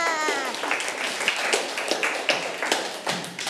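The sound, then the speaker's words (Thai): A burst of applause as listeners are told they did very well and to clap for themselves, many hands clapping in a dense, continuous patter for a few seconds, a few sharper claps standing out. A brief voice is audible at the start. “เก่งมากค่ะปรบมือให้ตัวเองค่ะ”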